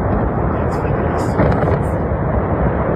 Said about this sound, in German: Mit einem lauten Knall und viel Staub fiel damit eine letzte Landmarke des früheren RWE-Kraftwerks.